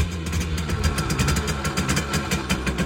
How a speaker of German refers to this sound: Und wieder knattert eine niegelnagelneue Simson S51 durchs Land. Diesmal durchs Erzgebirge